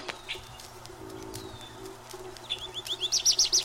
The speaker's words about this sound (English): It is spring. The birds are in full song. Woods and fields, gardens and shade trees resound with their music. Each species has its characteristic song. Over and over again, it sings the same little musical phrases.